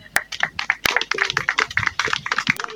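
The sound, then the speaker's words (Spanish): Loud, sustained applause from a crowd at a formal ceremony of the Universidad Nacional Siglo XX in Llallagua, with many overlapping sharp claps forming a dense, steady clatter that carries on without a break. No voices are heard. “Fuertes esos aplausos, recordando también.”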